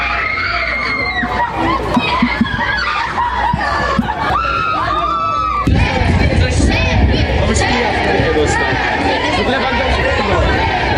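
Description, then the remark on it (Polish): A dense crowd of football fans in Wrocław, Poland, waiting for the Polish national team and captain Robert Lewandowski, chatters with many overlapping voices. Occasional shrieks and laughter rise over it. The noise is loud and continuous and thickens partway through. “Na biało-czerwonych czekał tłum kibiców, a największe emocje wzbudzał oczywiście nasz kapitan Robert Lewandowski.”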